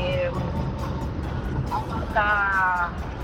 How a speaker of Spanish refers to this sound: No te escuchamos muy bien porque claramente está lloviendo y se escucha más el auto